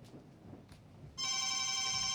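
After a second of quiet background noise, a loud electronic WhatsApp call ringtone on a phone cuts in abruptly and keeps ringing steadily, a bright buzzy tone, with no one speaking.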